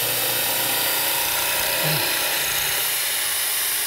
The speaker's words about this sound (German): Bohrt das dann hier so rein. Also das ist eine relativ einfache Sache, um nachher dann ein schönes Loch da drin zu haben. Das ist jetzt hier, weil ich es vorher nicht festgehalten habe. Im Normalfall ist die Fliese ja fest auf dem Boden.